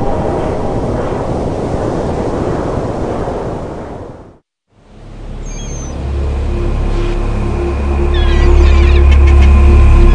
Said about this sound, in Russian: одиночный бургомистр перед судном летает кругами над водой, не очень высоко, но не над самой водой, как глупыши.